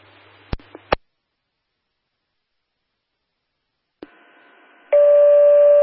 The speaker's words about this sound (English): Can you activate our tones for manpower to the scene? Affirmative.